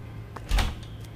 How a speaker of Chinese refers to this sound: 开门啊！哎，好，来了。